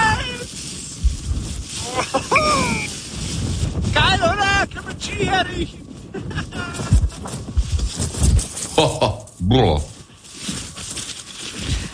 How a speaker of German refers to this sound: Aber alleine wenn ich diesen Wind schon höre, da könnte ich mir ja die Jacke anziehen.